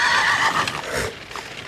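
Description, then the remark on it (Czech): A spooked horse whinnies loudly and shrilly, the high neigh wavering and then fading, followed by a few scattered hoof clops in the background. “Nějaký šílenost mi plaší koně, pánové.”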